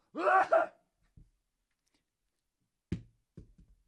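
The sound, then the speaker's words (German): A single loud, breathy sneeze into the crook of the arm bursts out at the start, followed after a pause by a few soft, low thumps and knocks scattered irregularly. “Ich werde dafür demonstrativ niesen in meine Armbeuge.”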